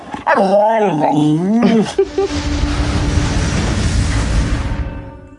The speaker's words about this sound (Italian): Si arriva al paradosso di illudersi di poter insegnare a parlare a un cane. Il cane può armonizzare alcuni dei suoi rumori al ritmo, all'assonanza delle parole che sente.